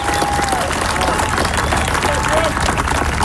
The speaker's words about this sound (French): Brooke Henderson, certainement pas, Kim, les premiers applaudissements qu'elle a eus de sa carrière comme ça, là, la golfeuse. Hein? Mais c'est les premiers de la journée.